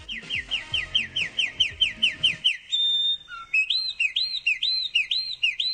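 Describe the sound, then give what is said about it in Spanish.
A small bird sings a rapid series of repeated chirps, then shifts to looping whistled phrases, clear with no talking; faint low clutter sits beneath the first half. “Fíjese que, a propósito del cantar de este pajarito, la sorprendente razón de por qué el canto de los pájaros calma el sistema nervioso.”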